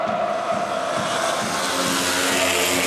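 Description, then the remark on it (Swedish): Speedway motorcycles race in the tenth heat of the derby between Västervik and Dackarna in sunshine at Västervik, their engines forming a loud, continuous high-pitched roar with buzzing harmonic tones that hold steady throughout, with no talking. “Samma sol skiner också i Västervik över Speedway-publiken som ser derbyt mellan Västervik och Dackarna. Det är det tionde hitet som är igång, så vill säga.”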